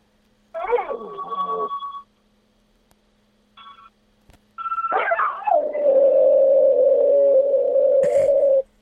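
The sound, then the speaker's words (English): A harmonica wails sustained reedy tones while a person yowls and howls in imitation of a dog, ending in one long, loud, wavering howl. “Oh yeah, I do a good dog impression as well. But I need a harmonica to get me going.”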